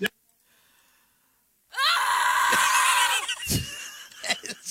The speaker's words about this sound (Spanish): Está bien feo el grito.